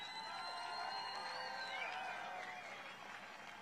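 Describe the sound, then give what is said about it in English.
A large crowd at a rally cheers and shouts continuously, a dense wash of overlapping voices and whoops that stays loud and steady for a few seconds, with no single speaker standing out. “look at this crowd. I mean, we just set this up a little while ago and you can't even see the end of it.”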